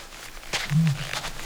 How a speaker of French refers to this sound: Mais quel raffut! Ah, ça y est, il est à côté du buisson. Mais il n'est pas tout seul. Il y a toute une bande d'autruches mâles qui crient chacun leur tour.